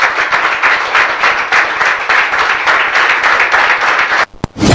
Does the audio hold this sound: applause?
yes